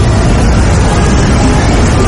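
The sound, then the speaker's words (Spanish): Steady, dense street noise in Times Square in central New York City, with a continuous low rumble of traffic filling the background, loud and unbroken, with no distinct voices standing out. “El tráfico, los vendedores ambulantes, las tiendas, la gente, el sonido que proviene de los diferentes establecimientos de una ciudad que nunca duerme y que es una de las ciudades más impresionantes del planeta.”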